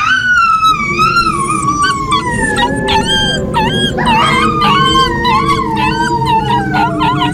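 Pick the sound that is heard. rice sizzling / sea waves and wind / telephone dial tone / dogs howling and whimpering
dogs howling and whimpering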